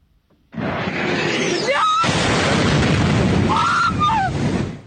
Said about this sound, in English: The sound of just one of many explosions in the Ukrainian capital Kyiv in the early hours of this morning. The country's air force said the city had been pummeled by waves of Russian attacks, about 74 missiles in all and nearly 500 drones.